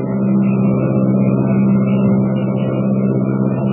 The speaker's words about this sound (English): The miles rush by like seconds. New Mexico, Texas, the Rio Grande, and the slim silver shadow of the plane threads its way southward through the night.